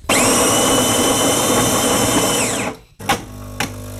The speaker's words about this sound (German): Das Geräusch kennt etwa fast jeder und jede von euch am Morgen oder durch den Tag. Die Kaffeemaschine läuft und 5 Minuten später, da ist die Welt nach dem Aufstehen zumindest ein bisschen besser.